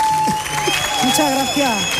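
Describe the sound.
Steady audience applause for a guest, an author of a flamenco self-help book, arriving on a show, runs through the whole stretch, a dense, even clatter of clapping with voices and a few tonal sounds rising and falling over it.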